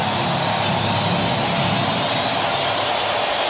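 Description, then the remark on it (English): A big stadium crowd at an Atlanta Braves baseball game in Atlanta roars during the seventh inning, in a dense, continuous wash of noise, holding loud and steady throughout with no single voice standing out. “Crowd rising in Atlanta.”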